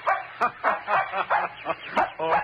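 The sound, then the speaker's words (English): Nick, a little terrier puppy, barks in a rapid run of high, shrill yaps, roughly eight quick barks in a steady rhythm, fairly loud with no talking, while out for a run in the woods of a park near the ocean in autumn. “Alan Hunt had taken Nick, his little terrier pup, for a run in the woods.”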